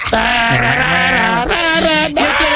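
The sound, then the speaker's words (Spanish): A person imitates goats screaming: a loud, strained, wavering bleat held for a couple of seconds, with a brief break before it rises again. “El grito de los chivos.”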